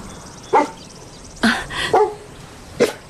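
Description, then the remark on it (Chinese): A dog named Buddy, wearing a collar, gives four short, sharp barks at uneven intervals, some with a high, whiny edge, clear with no one talking. “哦，你好啊，好可爱的狗。它肯定不是一条流浪狗，脖子上戴着项圈呢。”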